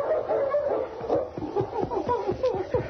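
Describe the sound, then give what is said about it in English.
A dog named King whines in a series of short, high, pitch-sliding whimpers, repeated steadily, as it runs back and forth on the edge of a ravine in falling snow, with no other sounds around it. “King whined and ran back and forth on the edge of the ravine.”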